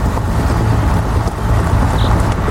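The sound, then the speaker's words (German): A digger's heavy engine rumbles loudly, a deep, steady drone that holds without pause as the machine pulls away after being shifted into first gear. No one speaks. “Ich mach mal den ersten Gang rein.”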